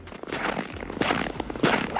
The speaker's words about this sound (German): Ah. Schritte im Schnee. Spüren Sie es?